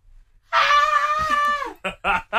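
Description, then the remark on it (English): A thin, strained attempt at a scream holds for about a second as a wavering, nasal wail before breaking off, followed by a few short breathy bursts of voice. “You sound like a dying cat.”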